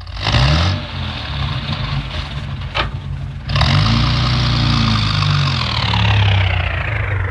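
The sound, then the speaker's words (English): A car engine runs steadily, its low rumble rising and falling as a constable reverses the car in fog, with a brief sharp click midway and the engine note swelling louder afterward. “All right, Constable, reverse the car.”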